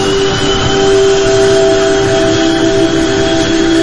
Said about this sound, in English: The plane lands, and being sort of dumped off this little passenger commuter plane onto the tarmac, I'm just deafened by the sound of all of these C-130 Hercules aircraft that are just, the engines are just droning.